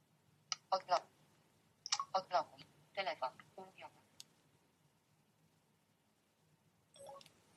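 Crisp button clicks from a mobile phone keypad as it is unlocked, pressed in quick bursts of several taps with short pauses between, ending in one last brief click after a silence.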